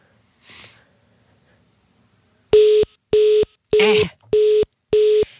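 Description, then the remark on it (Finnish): Five loud, evenly spaced electronic beeps from a mobile phone line, each about a third of a second, following a faint breath or sniff near the start. A brief vocal sound overlaps the third beep. “Mä tiedän, onko sun jollain kokemusta, että puhelinliittymä ilmoittelee tuolla lailla, vaikkakaan siihen”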